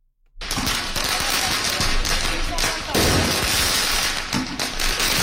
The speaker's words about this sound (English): Student protesters launching firecrackers at riot police in a Paris suburb.